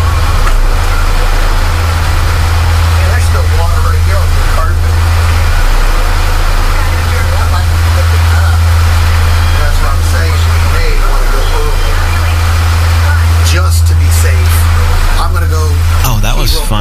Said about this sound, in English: We're being buried by the air conditioner. Kinda.